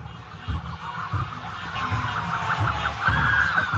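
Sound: police car sirens approaching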